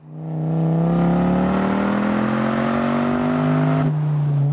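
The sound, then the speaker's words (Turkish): A big American pickup truck engine revs steadily, its pitch climbing slowly over several seconds before dropping back to a lower idle. The sound is loud, with no talking. “kendime çılgın bir Amerikan kamyoneti aldım.”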